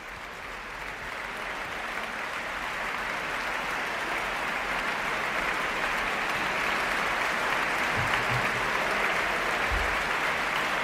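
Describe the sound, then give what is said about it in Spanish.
Sustained, dense applause from a large audience for the Orquesta Nacional de España after its performance of Beethoven's Symphony No. 2 in D major, Op. 36, conducted by Irene Delgado Jiménez; a steady wash of clapping that holds at an even level throughout without pause or voices. “La orquesta aplaude a la directora Irene Delgado Jiménez, que saluda a los cabezas de familia de la Orquesta Nacional de España, pone en pie a la orquesta y el público aplaude la interpretación de la Sinfonía número 2 en re mayor, opus 36”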